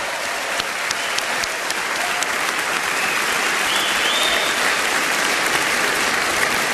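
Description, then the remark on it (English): Sustained audience applause at a jazz masters event in Los Angeles, for four jazz masters: a dense, even wash of many hands clapping at steady loudness throughout, with occasional sharper claps standing out and no voices. “Let's have some applause for all four of our jazz masters.”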